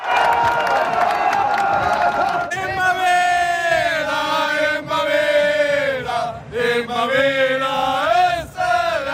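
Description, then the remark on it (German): Austrian World Cup football fans cheer loudly over Austria's 3:1 win against Jordan, a dense roar of voices and sustained, rising and falling chants that carry a strong melodic shout throughout. “Österreichs WM-Fans jubeln über das 3:1 gegen Jordanien.”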